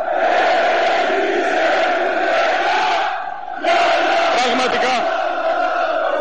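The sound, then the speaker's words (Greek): A large crowd in the stands of the Telecom Center indoor arena chants slogans in unison, everyone shouting, a dense roar of many voices that holds steady, dips briefly, then surges back loud with rhythmic shouting. “Τα συνθήματα δεν έχουν σταματήσει, όλοι ένας προς ένα, δεν υπάρχει άνθρωπος ο οποίος βρίσκεται στην κερκίδα να μην φωνάζει.”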